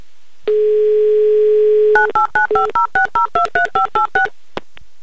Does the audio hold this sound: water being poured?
no